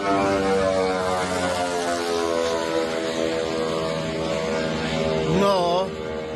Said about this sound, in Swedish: Ett videoklipp på sociala medier visar en ukrainsk drönare som slår ner med ett eldklot i ett handelsfartyg. Filmen är tagen från ett annat fartyg med en lika förvånad som förskräckt besättning.